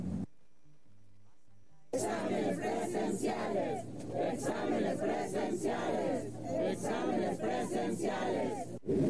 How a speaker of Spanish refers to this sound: Al grito de examen limpio y transparente, alrededor de 100 aspirantes y algunos padres de familia marcharon por el campus universitario de la máxima casa de estudios.